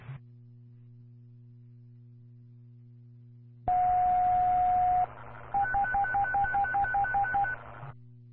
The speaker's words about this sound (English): Prairie Fire and Ambulance on the radio and tone test at 1803 hours.